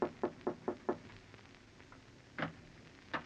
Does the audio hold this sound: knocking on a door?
yes